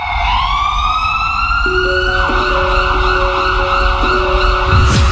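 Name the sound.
ambulance siren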